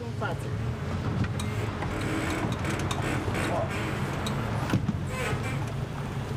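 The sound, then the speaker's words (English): A motorboat that holds 12 people drones steadily on the Bicas Reservoir, Romania's largest artificial lake, a constant low rumble with the wash of water over it, running without a break for several seconds. “Motorboats are considered masculine here.”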